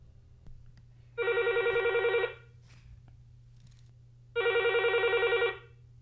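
A telephone rings in two long, warbling bursts, each about a second long with a pause between, loud over a low steady hum, as a listener phones in to a radio song-request program in Bhopal. No one speaks.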